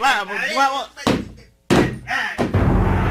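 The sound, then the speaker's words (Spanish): Loud, heavy thuds as workers force open a door in Comayagua, a few forceful bangs in quick succession with a crashing slam, mixed with voices talking. “No, muchachos, vamos a abrir la fuerza a esta puerta.”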